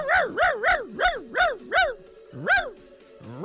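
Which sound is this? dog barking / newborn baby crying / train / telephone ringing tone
dog barking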